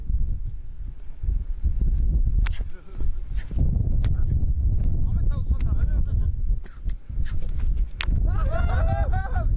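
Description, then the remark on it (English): A horse, just fixed with a bit at the start of its training by nomads, leaps and thrashes about in alarm, with heavy thuds, scuffling and steady wind rumble throughout, then a shrill, wavering whinny near the end. “The horse leaps about, alarmed.”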